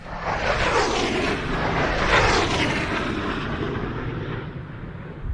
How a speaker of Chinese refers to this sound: 报告指挥部，飞机提速，马赫0.8，没有颤振。马赫0.9，没有颤振。报告指挥部，马赫1.0，没有颤振。